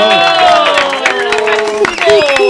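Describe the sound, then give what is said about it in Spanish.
A studio audience applauds and cheers steadily to welcome two guests on a show, dense clapping with whoops and raised voices layered over it, sustained and fairly loud for the whole stretch. “Démosle la bienvenida a con un fuerte aplauso, ¿sí o no?”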